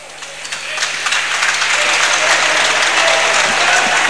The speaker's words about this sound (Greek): Ο αρχηγός παίρνει το θερμό χειροκρότημα.